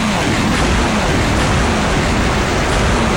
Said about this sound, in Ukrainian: Другий залп. Кілька ракет летять за обрій.